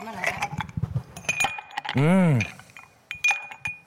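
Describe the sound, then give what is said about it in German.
Ice cubes clink and rattle into a glass, several bright, irregular taps scattered across a few seconds, with a short drawn-out vocal sound in the middle. “Mit gerade frisch desinfizierten Händen mache ich dir einen Eiswürfel ins Gesicht.”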